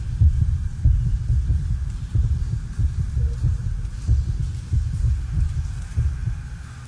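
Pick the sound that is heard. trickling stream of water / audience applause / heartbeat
heartbeat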